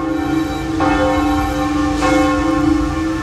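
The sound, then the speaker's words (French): Church bells of all the churches in France ring out loudly for 7 minutes to celebrate the arrival of Pope Leo XIV in France, with two clear strikes about a second apart, their rich overtones sustaining and overlapping into a continuous resonant hum with no voices. “Les cloches de toutes les églises ont sonné durant 7 minutes, il y a un peu moins d'une heure, pour célébrer l'arrivée du pape Léon XIV en France.”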